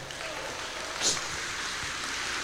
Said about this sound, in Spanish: Amén, hermanos. Denle fuerte ese aplauso al Señor a esta hora.